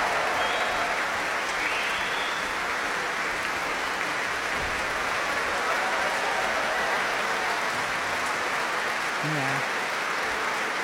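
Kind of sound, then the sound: crowd, concert audience applause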